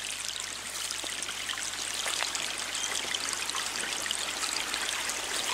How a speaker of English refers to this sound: I scurried down a large dirt hill, and before me was a little flowing stream of murky water, bouncing between bright orange rocks.